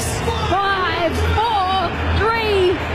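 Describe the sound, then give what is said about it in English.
A large crowd at Allianz Stadium murmurs and roars steadily before New Zealand kicks off the opening match of the 2026 Rugby League World Cup, a dense, loud wash of babble with a few voices rising and falling in drawn-out calls above it. “Let's hear it from the crowd, they say.”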